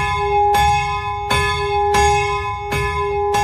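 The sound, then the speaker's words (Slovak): A bell of the Capuchin church in Bratislava rings steadily ten minutes before mass, rung by hand by a man. Its strikes recur roughly every seven-tenths of a second with a long, humming resonance between them. The pealing is loud, with no voices present. “a tam normálne visí zo stropu taký motus, a ten pán ho chytí, pozrie sa na hodinky, že kedy má presne začať zvoniť a 10 minút pred omšou začne zvoniť na tom.”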